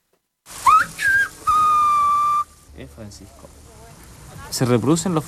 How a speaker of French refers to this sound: On reproduit les phonèmes castillans. Tu siffles Francisco et en fait, tu détaches Francisco. Ce qui arrive, c'est qu'après, ça se réduit beaucoup. Parce qu'il y a des consonnes qu'on ne peut pas siffler.